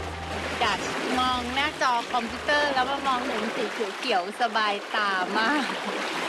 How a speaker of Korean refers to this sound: 물살이 되게 빨라요.